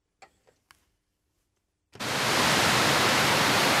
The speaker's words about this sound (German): Dort, wo bis zum 11. September die beiden Zwillingstürme standen, befinden sich heute zwei riesige Wasserbecken. An allen vier Seiten stürzt das Wasser in die Tiefe, ununterbrochen, Tag und Nacht.